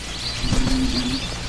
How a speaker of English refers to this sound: Oh, look at the birds!